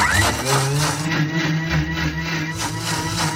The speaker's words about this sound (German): Das schmeißen wir dann in den Mixer rein. Und auch das nicht so lange, weil sonst gibt es auch wieder dieses schleimige Zeug. Das wollen wir nicht. 20 bis 30 Sekunden.